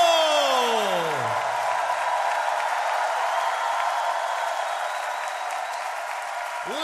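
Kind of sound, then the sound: crowd, crowd shout of joy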